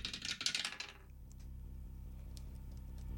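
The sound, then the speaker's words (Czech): A game die, thrown in a prize game, rattles and clatters in a quick burst of small, hard clicks for about a second, then settles into quiet with only a low background hum. No one speaks. “teď je to tady pro tebe, házíme hrací kostkou.”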